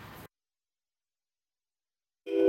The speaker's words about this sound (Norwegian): Sivilforsvaret har nettopp testet sitt varslingsanlegg med tyfoner over hele landet, og politiet har sendt ut nødvarsel på mobil. Dette en nasjonal varslingsprøve.